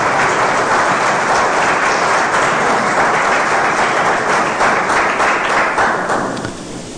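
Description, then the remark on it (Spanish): Loud, sustained applause from a large church audience, given to the King, a dense wash of clapping that holds steady for several seconds before tapering off at the end. No one speaks over it. “Dale un fuerte aplauso al Rey si crees que ese milagro va a llegar.”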